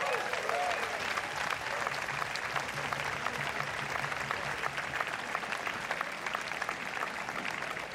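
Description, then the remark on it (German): Steady audience applause at a band concert for a musician who stepped in at short notice, a dense crackle of many hands clapping at an even level throughout, with no clear breaks or peaks and no distinct voices standing out. “Ganz herzlichen Applaus für Sandro.”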